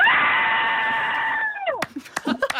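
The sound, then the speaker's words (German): A woman driving lets out a long, loud, sustained scream of frustration at being held up behind a tractor, lasting about a second and a half, ending with a falling pitch, followed by brief breathy noises and short vocal sounds. “Ein Traktor hat sie ausgebremst und deshalb hat sie uns angerufen und ihren Schrei mit uns geteilt.”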